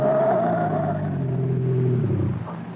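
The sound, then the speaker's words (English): A car engine revs hard and accelerates as the driver slams the gas pedal all the way down, its loud, steady roar holding a rising harmonic drone before tapering off slightly at the end. “I slammed the gas down all the way.”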